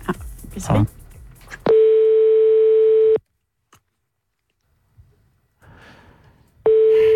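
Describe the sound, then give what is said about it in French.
An outgoing phone call's ringing tone, calling a grocery shop, La corbeille d'Orient: a steady, mid-pitched electronic beep lasting about a second and a half, a long silent gap, then the tone starting again. Brief rustling and murmured voices come before. “J'appelle, je vous préviens, il n'y a plus rien dans le frigo.”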